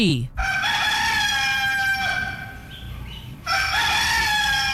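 A rooster crows loudly, a long sustained cock-a-doodle-doo with a brief break before the call resumes, standing alone with no talking.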